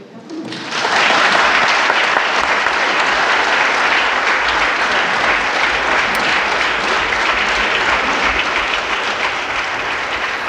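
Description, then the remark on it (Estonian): Sustained applause from members of the Riigikogu, Estonia's parliament, after Ülle Madise is declared elected President of the Republic, a dense, steady clatter of many hands clapping that starts abruptly and continues without pause, loud. “Ja peaks olema siis niimoodi, et kõik Riigikogu liikmed, kui varasemate kogemuste põhjal, mastuvad siis rivvi ja kõigepealt aplodeerivad, fraktsioonide esindajatelt tulevad lillekimbud”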